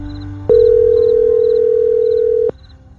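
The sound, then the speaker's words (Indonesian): A phone line's ringback tone while calling someone's mother at night: one steady, loud electronic burst lasting about two seconds, starting and stopping abruptly, over a quiet background hum with faint high beeps. “Biasanya malam-malam gini aku lagi ngobrol sama ibu. Telepon ibu ah.”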